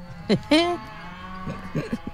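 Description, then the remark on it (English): Two short, nasal moo-like calls, apparently a human voice imitating a cow, sound one after the other in a studio, followed by quieter murmured talking. “Yes, we just changed the animal setting in the studio and it's full of cows here.”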